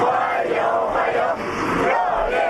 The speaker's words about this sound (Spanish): Con decenas de niños con banderas de China y Rusia que han vitoreado a su llegada